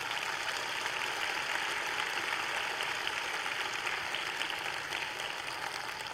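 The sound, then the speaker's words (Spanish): An audience applauds for Jesus during a sermon, in a dense, steady wash of clapping that holds at an even level for about six seconds, with no voices rising above it. “Dar un aplauso a Jesús.”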